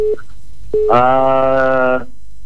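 A short steady electronic tone blips twice, then gives way to a louder, buzzy harmonic tone that holds for about a second before cutting off, like a phone line connecting.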